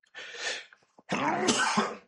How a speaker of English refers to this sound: Oh, excuse me, I had to sneeze.